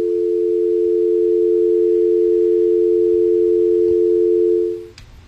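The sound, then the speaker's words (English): A steady, loud telephone dial tone from a dropped incoming call hums continuously for nearly five seconds, then cuts off abruptly, leaving faint background noise and a tiny click. “We got a phone call coming in. Caller, you're live and on the air.”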